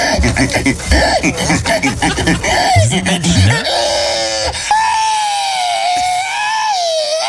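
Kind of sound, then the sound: vocal imitation, human imitating pig squealing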